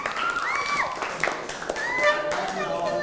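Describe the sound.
A class of students claps for a classmate at the teacher's request, in a loose, scattered burst of quick, overlapping claps, with children's high voices chattering and calling out over the applause.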